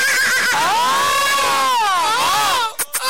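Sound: horse neighing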